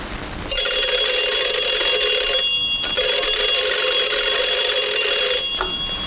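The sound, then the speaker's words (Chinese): A telephone rings loudly in two long, shrill bursts separated by a brief pause, with no talking. “就是嘛，马上打电话给陈坚，问问385高地附近有没有情况。”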